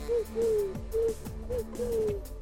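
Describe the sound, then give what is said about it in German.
A person imitates a pigeon's coo, making four or five breathy, descending hoots in a steady rhythm, fairly loud, with no other talking. “Ich kann so eine Taube nachmachen.”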